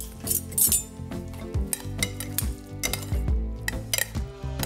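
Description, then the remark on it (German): Utensils clink and scrape against a bowl as a wet melon salad is stirred and tossed to marinate, with repeated sharp metallic taps and soft squelching in between, with no talking. “Und jetzt wird das Ganze vermengt und kann schön eine Weile marinieren.”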